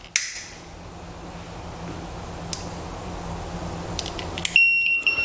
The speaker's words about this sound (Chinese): 这时候呢，我们的燃气会报警，同时呢，我们的油烟机会打开，包括我们的燃气阀会关闭，以及我们的门窗会打开，进行通风换气，确保家里的安全。